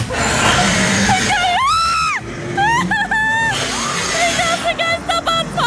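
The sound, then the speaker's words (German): Several shrill, rising and falling screams from riders on a fairground ride, one long shriek then shorter bursts, loud over a steady rumble of ride machinery and crowd noise. “Also wenn ihr wen auf Krange habt kreischen hören”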